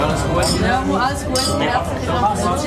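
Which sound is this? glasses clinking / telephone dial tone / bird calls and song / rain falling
glasses clinking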